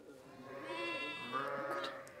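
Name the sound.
sheep bleating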